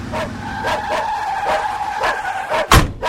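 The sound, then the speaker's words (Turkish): A car pulls up in front of a hut, skidding to a stop with a sustained loud tire squeal that ends in a sharp burst as it halts. No one speaks. “Arabayı kulübenin önüne çek”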